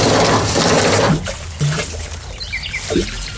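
Water in a well churns and gurgles, a dense bubbling wash for the first second before settling into quieter trickling and dribbling with a few brief splashy bursts.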